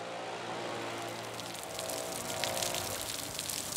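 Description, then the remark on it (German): Steady rain pours down at a stadium on match day, with water splashing and spilling from an overflowing rain gutter, a continuous hiss with scattered drips, growing slightly louder midway, and no voices. “Regen ist halt diese Probleme, dass halt die Regenrinnen teilweise überlaufen.”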